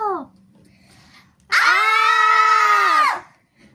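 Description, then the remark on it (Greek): A single loud, piercing shriek holds steady for about a second and a half, a human voice imitating aliens shrieking, preceded by a brief falling vocal squeak and a faint low hum. “Τσίριξαν οι εξωγήινοι με το που τους είδαν.”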